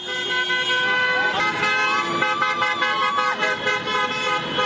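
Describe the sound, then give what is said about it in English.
Many car horns honk over and over, overlapping in long and short blasts amid a loud, dense street crowd with voices shouting underneath, as French fans celebrate France beating Morocco in a quarter-final, cars driving up and down the Champs-Élysées in Paris. “Yeah, on the Champs-Élysées, cars going up and down.”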